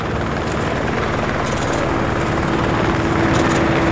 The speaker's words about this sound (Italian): Gli elicotteri sono numerosi, quasi si incrociano. C'è anche l'aeronautica militare. Sorvolano a fine serata la zona dell'ippodromo